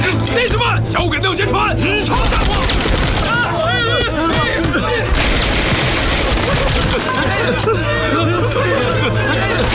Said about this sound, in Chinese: 团座，我们听到枪声和爆炸声，是怎么回事？ 兄弟们，那不是枪声，是船上在放鞭炮和花炮。 放鞭炮？ 这不年不节的，放什么炮？ 是啊， 明明是枪声嘛。